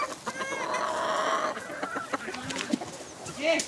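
A rooster clucks and calls close by in a rapid, busy series of harsh, stuttering vocalizations, with a few scattered squawks, over a faint background of other fowl.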